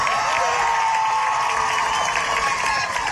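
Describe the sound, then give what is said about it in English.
A large crowd cheers and applauds loudly and continuously as a student's name is called, a dense wash of clapping with shouts and whoops rising above it throughout. “The crowd also erupted in cheers when Gomes' name was called.”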